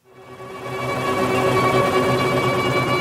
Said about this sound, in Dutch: Oké, ik hoor de helikopters, ik hoor de strijkers, maar dus die muzikanten zitten in een helikopter.